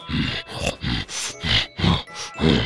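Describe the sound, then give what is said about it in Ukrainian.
A bear growls in a rapid series of about seven short, rough grunting bursts, loud, with no talking. “Та й побіг, аж іде ведмідь.”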